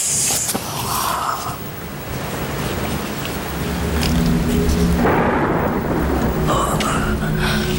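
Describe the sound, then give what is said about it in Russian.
Steady, heavy rain falls outside a club with a dense constant hiss, joined by low rumbling thunder that swells toward the end. No voices, just the storm filling the background. “Мало того, что я одна в клубе должна дежурить, так еще дождь на улице.”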